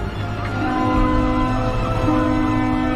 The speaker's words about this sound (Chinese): 伴随着声声鸣笛，满载着渔民希望的一艘艘渔船，又一次扬帆远航。